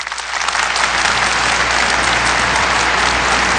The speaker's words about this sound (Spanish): El aplauso.